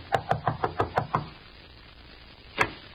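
A rapid series of seven knocks on a door in a steady rhythm, then a pause and one more single knock. The raps are sharp and moderately loud, with no voices.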